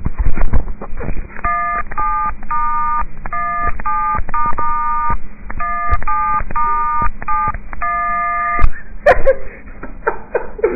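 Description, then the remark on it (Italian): A cover of a famous song tapped out on a mobile phone keypad, a quick run of dual-tone beeps in a rhythmic tune, fairly loud and clear over a faint hiss, with no talking. “Mi dicono di fare una cover famosa col cellulare,”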